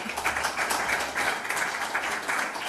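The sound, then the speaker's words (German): An audience applauds steadily for a representative of the Offener Kanal Merseburg-Querfurt, a dense, even wash of many hands clapping with no voices over it, holding at a consistent level from start to finish. “Genau, einmal auch ein Applaus für Sie.”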